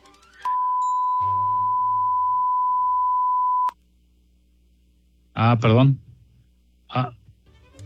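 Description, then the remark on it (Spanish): A steady, loud pure-tone censor bleep holds for about three seconds, masking speech underneath, then cuts off sharply; a couple of short bursts of talking follow afterward. “Me censuró”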